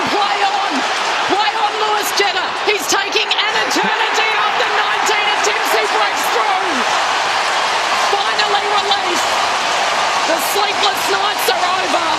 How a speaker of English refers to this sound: And the crowd absolutely goes berserk. A moment to savour for Lewis Jetta. Actually, standing ovation from the crowd, wasn't it?